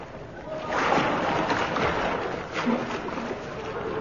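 Water splashes and churns continuously as people swim with steady strokes through the River Thames in London on a chilly winter's night. The sloshing is fairly loud, with no voices over it.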